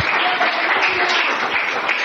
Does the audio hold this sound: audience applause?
yes